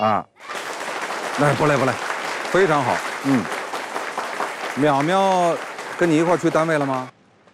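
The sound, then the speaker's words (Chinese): A studio audience in a TV recording studio claps on a three-two-one cue, recorded as the live audience reaction for a show, for about seven seconds, a dense, loud patter of many hands with voices calling out over it, before the applause cuts off abruptly. “我们先来录一个鼓掌的，我说三二一，咱们就大家鼓掌，好不好？”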